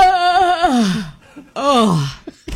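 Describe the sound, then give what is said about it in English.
Two long, drawn-out yawns, each voiced and sliding downward in pitch into a low groan, with a short pause and a faint breath between them. “No, there's nothing like a good, long, satisfying yawn.”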